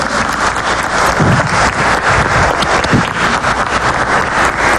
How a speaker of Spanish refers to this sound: Por ejemplo, aquí tenemos un niño que acaba de ganarse un concurso a nivel nacional, ¿verdad? Un concurso a nivel nacional contando un cuento, y es el ganador a nivel de Costa Rica. Un aplauso para él.